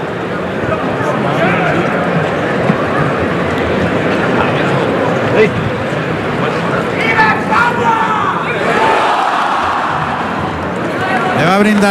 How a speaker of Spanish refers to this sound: Le va a brindar el toro Manuel Escribano a Juan Francisco Peña, que recibe esta ovación, va por el callejón.